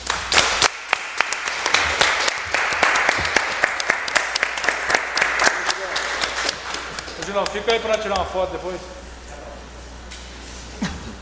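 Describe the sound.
A round of applause from a group, dense steady clapping for about seven seconds, then thinning out as voices begin talking over the last claps.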